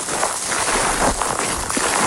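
A reporter's footsteps crunch across dry, burnt ground, sticks and brittle branches of the few remaining trees in an area left desert-like by a wildfire at Los Gallardos, Almería. A steady crackling rustle with a few sharper snaps, fairly loud, with no voices.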